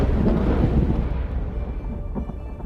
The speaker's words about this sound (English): Storms.